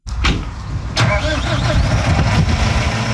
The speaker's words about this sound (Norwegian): Endelig kan traktoren gå, og bonden får slå.